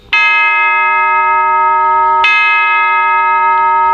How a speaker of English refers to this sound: Chimes.